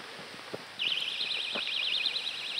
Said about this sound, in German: Vantamo funktioniert mit Sirene plus Blinklicht.